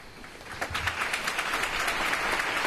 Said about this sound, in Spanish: Una capilla ardiente y un funeral marcados por el silencio roto solo por los aplausos.